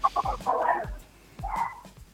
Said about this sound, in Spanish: Bueno, sí, no escuché, perdón, es que justo empezaron a ladrar los perros.